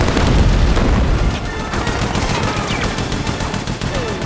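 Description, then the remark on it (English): Heavy gunfire from a large gun rattles in rapid, overlapping bursts, loud, with a deep booming low end that continues steadily from start to finish. “They run towards the mansion, avoiding gunfire.”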